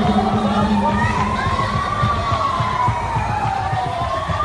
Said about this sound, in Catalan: Els crits, les víctimes ferides al terra, les allaus de gent